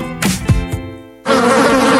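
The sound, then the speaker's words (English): Insects buzz loudly in a steady droning whine, broken early by three quick taps, then swelling into a thicker, denser buzz for the second half. “There's nothing more annoying than the sound of insects buzzing around, especially inside your house because your screen door is letting them in.”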